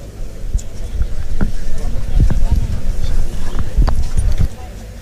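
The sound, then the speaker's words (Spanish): During a bullfight, a bull charges into a picador's horse and bounces off: a run of dull, heavy thuds and scuffling impacts over steady rumbling outdoor noise with indistinct voices in the background. “Ha salido ahí rebotado el toro del caballo.”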